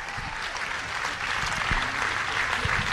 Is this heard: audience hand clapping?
yes